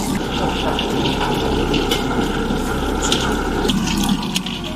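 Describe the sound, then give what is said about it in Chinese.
Sliced pork belly deep-frying in oil until about 80 percent cooked, a steady loud sizzle with scattered sharp crackles and pops over a low constant hum, continuing without a break and with no voices. “切好的五花肉下锅，炸至八分熟。”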